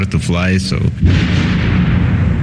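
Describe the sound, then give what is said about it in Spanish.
A brief voice gives way to a heavy explosion from missile strikes over Kyiv at 2:15 in the morning. Its deep rumble rolls on and fills the rest of the moment. “Las primeras explosiones resuenan sobre Kiev. Varias oleadas de misiles se suceden hasta el amanecer.”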